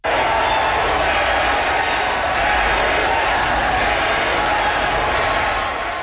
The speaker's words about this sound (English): A crowd of supporters cheered and chanted Carrie Lynn's name once she was announced as the winner